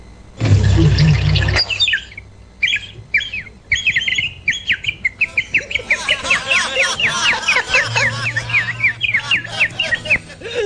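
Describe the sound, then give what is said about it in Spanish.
A small bird chirps in quick high-pitched calls, sparse at first, then a dense, steady run of rapid tweets. A brief loud rumbling burst comes right at the start. “Ahí está el pajarito.”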